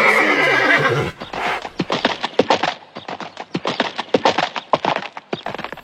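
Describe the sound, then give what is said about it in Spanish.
A horse lets out a loud, quavering neigh, followed by a steady run of crisp hoofbeats clip-clopping in a brisk rhythm. “Tienen que ir ahí a recoger a mi caballo.”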